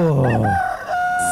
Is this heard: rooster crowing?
yes